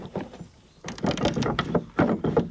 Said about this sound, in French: Et on vient actionner ce mécanisme pour déverrouiller ou verrouiller la porte de la maison.